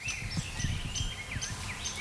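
A rose-breasted grosbeak sings a sweet, robin-like string of clear, slurred whistled phrases over a steady low outdoor rumble with faint rustling and no talking.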